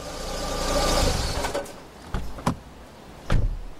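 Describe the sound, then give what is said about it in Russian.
A car engine rumbles and winds down as the vehicle comes to a fairly smooth stop at the entrance of a dairy plant's dormitory, followed by a few sharp, separate clunks like a door being handled. “Но машину не разбил, а довольно плавно остановил ее у подъезда общежития молокозавода.”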